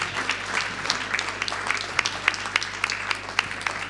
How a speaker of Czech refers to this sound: So, round of applause for the kids to motivate them in the beginning. Tak, velký potlesk pro děti, abychom je namotivovali.